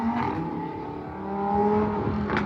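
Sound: car engine revving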